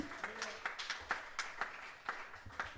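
An audience applauds the bass player at a live music performance, with fairly quiet, uneven claps cracking out several times a second over a soft wash of background noise. No clear talking stands out.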